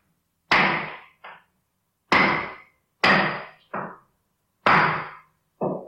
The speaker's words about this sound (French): T'es là dans ta maison et tu commences à entendre des bruits de marteau.